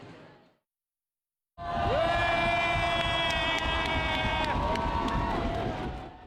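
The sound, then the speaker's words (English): After a short burst and a moment of silence, a crowd of spectators at the Sumida River Fireworks Festival in Tokyo, Japan, erupts into loud, sustained cheering at the fireworks, with shrill whistle-like tones ringing over the steady roar of voices. “Spectators responded with cheers, with many taking photos with their smartphones.”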